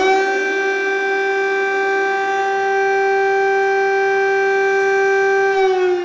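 A civil defense siren blares loudly and continuously, holding a steady, harmonically rich tone for several seconds with only a slight shift in pitch near the end. No voices are heard.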